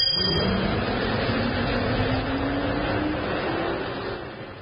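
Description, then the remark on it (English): A bus engine rumbles and revs steadily as the vehicle pulls away and accelerates, its rising drone loud, then easing slightly toward the end, with no voices. “Just get on this bus.”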